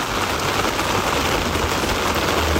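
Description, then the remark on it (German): Steady summer rain pours down in a dense, continuous hiss with a faint low rumble underneath, fairly loud throughout, with no voices. “Endlich Abkühlung, endlich Wasser und ich glaube, gestern haben wir wirklich gemerkt, man hört Regen einfach wirklich gerne.”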